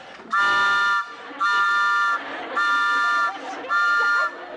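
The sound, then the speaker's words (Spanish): A postman's whistle, blown inside a restaurant to announce his arrival, sounds in four loud, evenly spaced blasts, each a steady, reedy tone lasting under a second, with a low background murmur between them. “Pues tocar el silbato para avisar que ya llegaron.”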